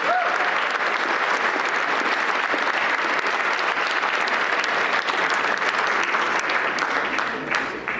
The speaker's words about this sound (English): Let's hear it one more time for this year's winners. Ladies and gentlemen, thank you so much. But before we do that, let's give him another huge round of applause.